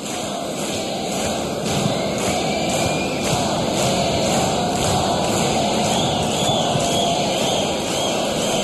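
A crowd applauds steadily, a dense crackling wash of many hands clapping at once that holds an even loudness for the whole stretch, with no voices standing out.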